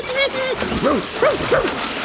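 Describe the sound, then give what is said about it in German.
A dog gives three or four short, bright, excited barks in quick succession, fairly loud, after a brief whining tone at the start, as it jumps into the water of a bathtub and splashes with its paws. “Er hüpft ins Wasser, bellt freudig und planscht mit den Pfoten.”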